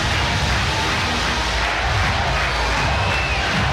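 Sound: stadium crowd cheering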